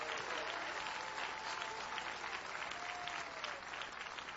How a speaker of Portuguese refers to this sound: Quem pode aplaudir ao Senhor por esta obra tão maravilhosa?